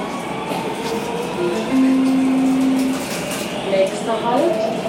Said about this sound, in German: Mit der U-Bahn sind es ein paar Stationen quer durchs Zentrum und ein weiterer Ort der Erinnerung ist erreicht.